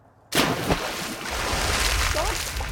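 A sudden splash as someone plunges into sea water, followed by continuous close-up sloshing, bubbling and a low underwater rumble.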